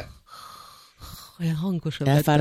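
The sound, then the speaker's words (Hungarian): A voice imitates a sleeping person's soft breathing, not snoring: two gentle airy breaths, followed by a brief voiced, sighing sound. “hallottam, ahogy szuszog. Olyan kis cukint. Jó, az nem horkolva. Nem horkolva, csak olyan...”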